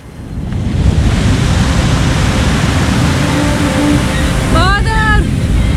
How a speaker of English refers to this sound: The rolling waves make me feel sick. I'm looking for the Statue of Liberty. You won't see it in this fog.